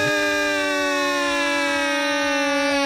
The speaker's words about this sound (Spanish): Ay, cuando digan algo así, mi güera, tenemos como una alarma para poner así de...